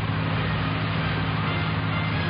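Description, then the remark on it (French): A boat's engine drones steadily as it approaches the port, a low rumbling hum with a broad wash of noise, holding an even loudness throughout with no voices. “Vous entendez le bateau.”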